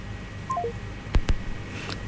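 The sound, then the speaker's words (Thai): A few short electronic telephone tones step downward in pitch, followed by two sharp clicks, all faint over a steady low line hum with no voices, after a caller on the line to a broadcast studio hangs up. “วางสายไปแล้วนะคะสำหรับเบอร์โทรศัพท์ที่มาถึงห้องส่งของเรา”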